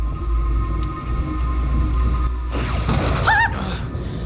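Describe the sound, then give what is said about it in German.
A heavy night thunderstorm over a valley: steady, dense rain over a deep rumble that swells into a louder rushing burst halfway through. A brief eerie warbling tone rises over it near the end. No one speaks. “In der Nacht war ein heftiges Gewitter aufgezogen, das auffällig lange über dem Tal tobte.”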